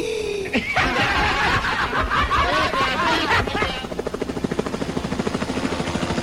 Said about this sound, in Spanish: ¡Oh! ¡Ahí viene de nuevo el helicóptero! ¡No, por favor! ¡Espérate!